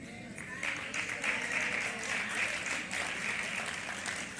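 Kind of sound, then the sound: crowd, audience clapping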